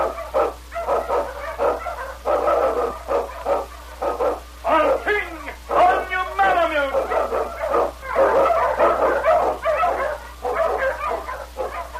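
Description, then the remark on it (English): Wonder Dog King, an Eskimo lead sled dog in The Challenge of the Yukon, barks and yips repeatedly in quick, excited bursts, with a few rising howl-like whines in the middle, loud and continuous over about twelve seconds with no talking. “Wonder Dog King, swiftest and strongest of Eskimo lead dogs, blazes a trail through storm and snow for Sergeant Preston as he meets the Challenge of the Yukon.”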